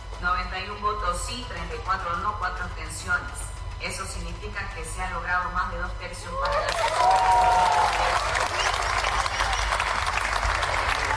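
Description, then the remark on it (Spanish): Voices talk for several seconds, then loud, dense applause breaks out in the Legislative Assembly as Minister of Economy José Gabriel Espinosa is censured, with applause from the ruling party, from Unidad and from the Libre bench; it continues steadily to the end, with a brief cheer or shout rising within it. “Aplausos del oficialismo, aplausos desde Unidad y aplausos desde la bancada de Libre.”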